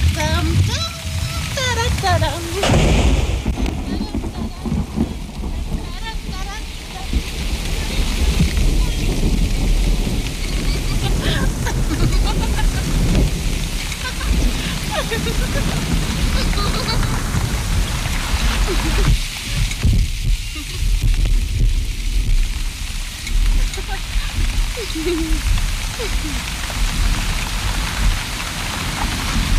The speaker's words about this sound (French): Ne restez pas sous la pluie, vous allez prendre froid.